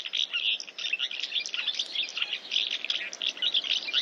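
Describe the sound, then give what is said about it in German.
House martins call and twitter in a busy, continuous chorus of high chirps, steady throughout, with no voices. “Wir haben's verstanden. Die Mehlschwalbe ist der Vogel des Jahres.”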